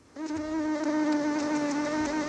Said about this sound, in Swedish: Ja, det kliar ju lite på kroppen när man hör de här myggljuden.